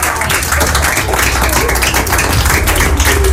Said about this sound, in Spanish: ¡Un aplauso!